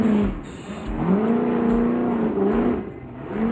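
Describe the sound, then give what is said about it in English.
A loud off-road race car of the Monster Energy team revs hard while racing on rocks at the 19th annual Optima Batteries King of the Hammers, its pitch rising and falling in sweeping surges over a steady roar, with no voices present. “This is the Monster Energy team taking on the 19th annual Optima Batteries King of the Hammers. Let's burn some fuel, take on the rocks.”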